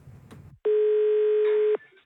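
A soft click, then a single steady electronic phone tone held for about a second, loud, as a five-year-old boy, with some help, dials a radio station's number. No one speaks.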